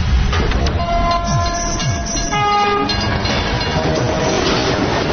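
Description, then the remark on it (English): A train roars past, its loud rumble filling the whole stretch while a sustained, multi-toned horn blares for several seconds before the rumble carries on alone. “So it amazes me, even though there are pedestrian railway crossings, people still push their luck with trains and cars.”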